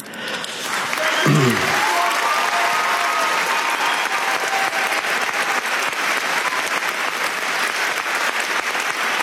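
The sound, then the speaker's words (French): Sustained audience applause at the 79th Cannes Film Festival as Cristian Mungiu is awarded the Palme d'Or, a dense steady wash of many hands clapping that swells in after a brief rising tone and stays loud throughout, with no voices standing out. “Cristian Mungiu sous les applaudissements Palme d'Or donc de cette 79e édition du Festival de Cannes.”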